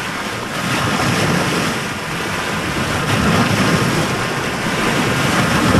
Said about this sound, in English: Lake Erie meets the pier in Avon Lake.